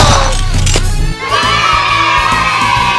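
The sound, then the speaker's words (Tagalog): A crowd of attendees, who are congressmen, cheers and shouts over steady applause, loud and dense for about three seconds with a brief dip partway through, with high voices whooping throughout. “Nagpulong palakpak to dahil mga kongresista to, kagtanan to ang mga nagatambong.”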